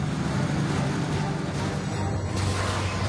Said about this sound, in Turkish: 10 bin ton gıda ve hayati malzeme taşıyan yük treni tundrada ilerlemeye çalışıyor. Bu lokomotifin çektiği, arkada sallanıp duran yüklerden hiç hoşlanmıyorum.